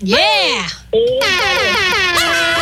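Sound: air horn blast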